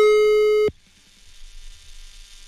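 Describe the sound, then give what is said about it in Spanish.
A loud, steady telephone line tone hums for under a second while a number is being dialed, then cuts off abruptly, leaving only faint line hiss and soft noise. “A lo mejor está en clases y nosotros estamos marcándole.”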